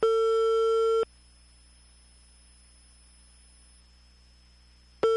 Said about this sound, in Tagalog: Nagbagting ang telepono sa barangay hall. Kisa may naadi ha, palihog tubagan ninyo.